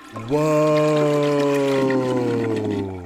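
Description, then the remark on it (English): A toilet flushes: a loud, steady droning tone over gushing water that holds for about three seconds, then fades slightly, with no talking. “Okay, someone needs a big flush here, so get your hand on the lever.”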